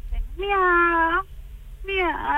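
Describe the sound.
A person in Castellón imitates a kitten meowing: two drawn-out, whiny meows, fairly loud, the second trailing off slightly, with a faint low background hum.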